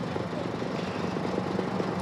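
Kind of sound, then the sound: vehicle, firefighting helicopter flying overhead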